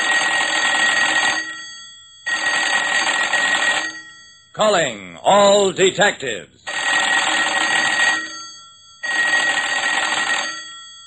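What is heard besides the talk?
telephone bell ringing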